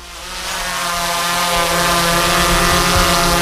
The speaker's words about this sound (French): Ce bruit, c'est celui d'un drone, et plus particulièrement du drone qui est actuellement en train de survoler les églises peintes de l'Allier à l'intérieur comme à l'extérieur. Objectif, des vidéos et un film.